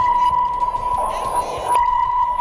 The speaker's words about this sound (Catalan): Ho sé perquè ho posa el guió, que és un sonar, això. Això és un sonar, que és l'aparell que fan servir els vaixells i els submarins per calcular la profunditat del mar.